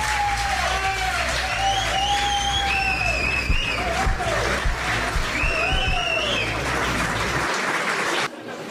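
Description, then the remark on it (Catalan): A concert crowd claps and cheers steadily for a rock and roll band coming out to play, with sharp whistles and whoops rising over the dense applause before it cuts off abruptly near the end. “Amb tots vosaltres, un fort aplaudiment”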